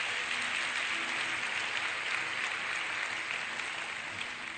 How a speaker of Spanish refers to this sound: Impresionante la palabra de Dios. Un aplauso a la Biblia.